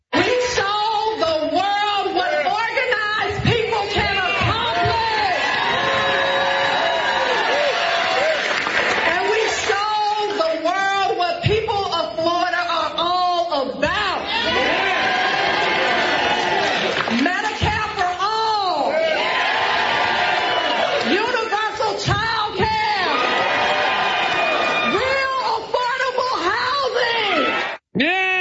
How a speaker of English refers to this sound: Helps if you yell and then you get the crowd to go, yeah, that makes it really drive the point home.